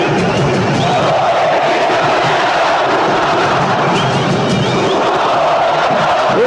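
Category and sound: crowd, stadium crowd booing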